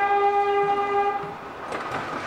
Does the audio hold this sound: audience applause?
no